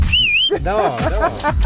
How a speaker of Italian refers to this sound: No, quel fischio lì a me entra nelle orecchie come un punteruolo. Come se mi infilassi un cacciavite nell'orecchio.